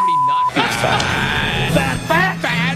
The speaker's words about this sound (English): Is this all the same alarm, or have you mashed in multiple fat alarms into one?